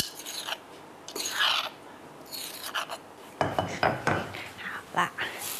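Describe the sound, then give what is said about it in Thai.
A little garlic being stir-fried in oil in a pan during a cooking show: a spatula scrapes and clinks against metal in uneven bursts, and a steady sizzling hiss rises partway through. No talking. “มันก็เป็นของทอดแม้ว่าน้ำมันเราจะดีก็ตามใส่กระเทียมนิดนึงนะคะเพื่อความอร่อย”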